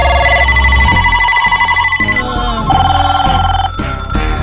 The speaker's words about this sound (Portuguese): Olha o telefone tocando aí, ó. Atende aí. Tá tocando aí, meu. Atende o telefone aí, mano.